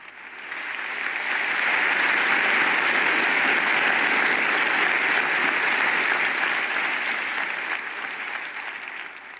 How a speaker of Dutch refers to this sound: Een applaus dus van de professoren en studenten van de La Sapienza Universiteit in Rome na deze mooie toespraak van de Heilige Vader.